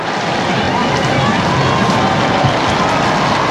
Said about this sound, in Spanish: Y esa ovación es para el pontífice, que ya inicia su año.